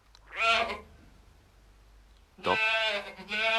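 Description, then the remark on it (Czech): A white billy goat bleats twice, a short quavering cry followed after a pause by a longer, louder, wavering bleat, with no one talking. “To je, prosím, kozel, pane.”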